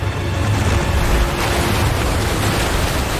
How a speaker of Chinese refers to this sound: 在强大洋流的驱使下，太平洋的寒冷海水猛烈地拍打着费尔南迪纳岛的海岸。